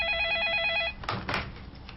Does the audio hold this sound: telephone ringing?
yes